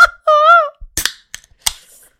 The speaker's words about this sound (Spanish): Espérenme, déjenme, destapo la primera de la noche.